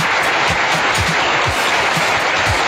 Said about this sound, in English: Oh, I don't know where that came from. But yes, a studio audience, a round of applause.